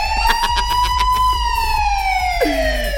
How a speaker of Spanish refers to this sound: ¡Alerta! Esta es una alarma para despertarse.